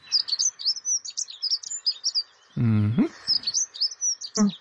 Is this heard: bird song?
yes